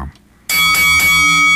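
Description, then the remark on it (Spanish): A loud bell rings out after a brief silence, struck several times in quick succession so its bright metallic tones overlap and keep sounding. “Y es el momento perfecto para tocar la campana.”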